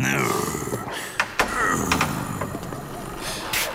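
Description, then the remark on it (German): A house door swings shut with a couple of quick, solid knocks, followed by a fainter clack, set against a steady murmur of background noise and voices. “Schließ die Tür”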